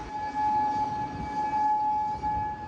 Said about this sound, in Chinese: 在科威特，防空警报无日无之，军方忙于应对来自伊朗的导弹和无人机袭击。